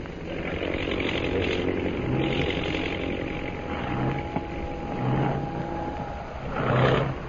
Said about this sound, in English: That plane in center of formation is dropping out of line and circling for a landing.